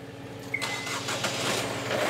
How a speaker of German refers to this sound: Dann die beiden neuen Motoren.